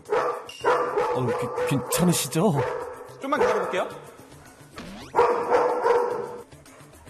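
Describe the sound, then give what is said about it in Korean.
A dog named Pari barks repeatedly in sharp, wary bursts on meeting a stranger, with a few high yips mixed in, while people speak calmly over and between the barks. “낯선 사람을 만났을 때 파리 반응을 봐야겠죠? 역시 바로 경계하는 파리.”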